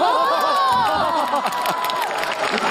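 A loud, steady burst of crowd cheering and shouting, with high excited voices and some clapping mixed in, sustained without a break throughout.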